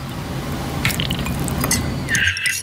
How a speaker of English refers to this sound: What was going on there? So some sugar was being put into a cup of tea.